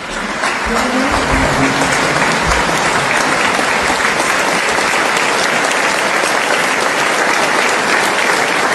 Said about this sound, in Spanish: es el aplauso, fíjate, Pablo, con el que el público recibía a la Orquesta Sinfónica de Tenerife